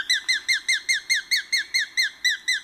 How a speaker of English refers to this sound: And the sharp-shinned hawk.